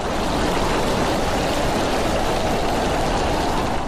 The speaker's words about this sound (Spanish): Tan solo la lluvia golpeando los cristales, haciendo que creciera su ansiedad.